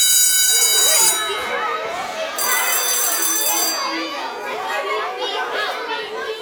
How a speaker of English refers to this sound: What is the WHIO Storm Center? It means when you hear these tones, you are just a few minutes away from emergency weather information.